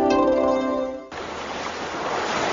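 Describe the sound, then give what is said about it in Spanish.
A sustained tonal hum gives way after a second to the broad, steady rush of ocean waves breaking on the shore, loud, with no voices. “Las olas que llegan a las costas nos dan aire, alimento y equilibrio.”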